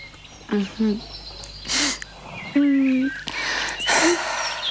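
In a comedy sketch set in a park, a voice imitates birds singing, with short warbling whistles and chirps, broken up by breathy bursts of noise. It is moderately loud, with no clear words.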